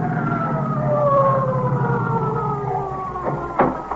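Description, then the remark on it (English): An approaching emergency vehicle siren, either an ambulance or an emergency services car, wails steadily and fairly loud, its long sliding tone drawn out over a low engine rumble, with a couple of brief sharp knocks near the end. “That's either the ESC or the ambulance coming now.”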